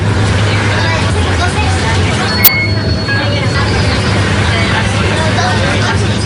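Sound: city bus ride interior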